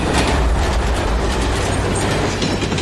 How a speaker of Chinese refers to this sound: 今天当飞驰的火车几乎擦着121米高的桥塔而过，它们之间的最近距离只有6.3米。